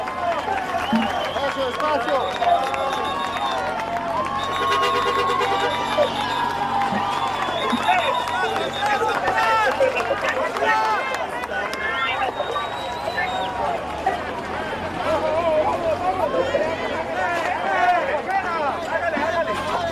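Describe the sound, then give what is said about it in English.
A large crowd cheers loudly and continuously, a dense wash of shouting and whooping voices with overlapping chatter, sustained at steady volume throughout with no pauses. “Okay, there's loud cheers going on.”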